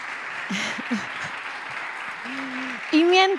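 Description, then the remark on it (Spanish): A crowd of students from several towns in the province of Huelva, Spain, applauds in a steady, dense wash of clapping throughout as the president of the Diputación de Huelva takes the stage, while scattered voices call out over it and a louder voice rises near the end. “Mientras, estos que escuchan, estos que oyen con sus aplausos, presidente, por favor, los vamos a saludar.”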